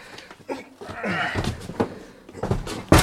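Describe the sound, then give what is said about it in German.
A door bangs and knocks about as a box is carried through it into a hallway, with scattered thumps and shuffling building to one loud slam at the end, while muffled voices and straining noises come and go underneath. “Vorsicht, Tür.”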